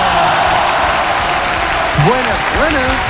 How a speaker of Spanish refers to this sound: Oye, y tengo un invitado, como siempre, lo recibimos con el aplauso que se merece al diputado Jorge Brito.